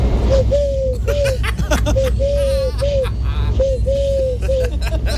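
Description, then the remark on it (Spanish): A person mimics a turtle dove's cooing with a voice for a Canal Sur TV crew, repeating soft rounded hoots in a steady rhythm of pairs and triplets, clear over a low background hum. “Mira, hago la tórtola súper bien, mira.”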